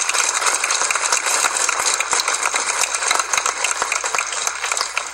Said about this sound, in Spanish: Un gran aplauso para los papás aquí presentes.